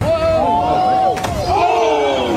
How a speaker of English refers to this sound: Did you hear that sound? What did he land on? That was him hitting the water. That was not the water. That was his butt smacking the rocks.